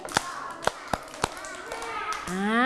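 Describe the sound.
Four crisp hand claps by children in a loose, steady rhythm, distinct, clapped on a teacher's instruction during a lesson, followed by a voice speaking with a rising, sing-song tone.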